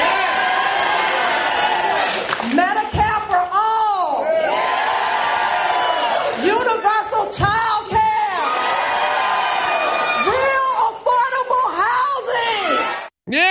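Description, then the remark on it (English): A large crowd cheers and yells loudly and continuously, with overlapping whoops and shouts rising and falling for several seconds before cutting off abruptly. “You know, it helps if you yell and then you get the crowd to go, yeah, that makes it really drive the point home.”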